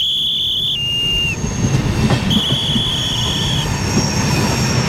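A passenger train that will run from Milan to Brussels rolls in with steady low rumbling and rattling, while high, sustained wheel squeals ring out in long tones, fading briefly and then returning loudly. No one speaks.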